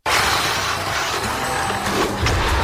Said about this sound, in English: That was a hard hit. Looks like your car just got body checked by Life.